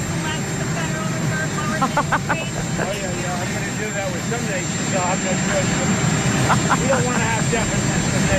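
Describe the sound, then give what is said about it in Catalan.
A constant, loud roar of airplane engines fills the background while a man speaks over it aboard the plane, the steady drone never letting up. “Espera, és que no té un assessor de dir-li, escolti, parli amb el motor, o sigui, lluny de l'avió, és que sempre fa el mateix, fa, els documents es fa a l'avió, és que no ho acabo d'entendre.”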